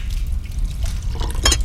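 Liquid trickles and splashes as a drink is poured into glasses for a toast, with a brief brighter clink of glass near the end. No one speaks.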